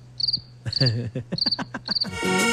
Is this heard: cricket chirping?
yes